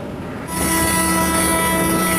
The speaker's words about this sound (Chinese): 伴随着笛声长鸣，搭载了38个集装箱的列车从厦门远海码头铁路专用线缓缓驶出。